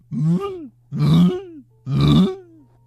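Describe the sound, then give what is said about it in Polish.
A voice imitates the cooing of a pigeon that sits on a balcony, with three low, throaty coos in a steady rhythm, each rising then gliding down, with a faint hum underneath and no talking. “Taki gołąb, on też hałasuje.”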